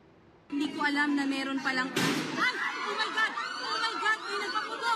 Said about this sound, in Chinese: 一批菲律宾武装人员13日晚进入参议院大楼，随后连续传出枪声和人群惊慌失措的喊叫声。